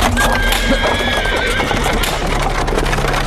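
A horse whinnies with a high, wavering cry as a horse-drawn coach sets off in a hurry for St. Monica's Church, hooves clattering steadily over a loud, rumbling bed of wheels and harness noise.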